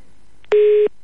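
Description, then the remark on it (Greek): As a telephone call hangs up, a single steady electronic telephone line tone sounds for about a third of a second, loud, with a short click just before it and no talking. “Θα κλείσει και το τηλέφωνο.”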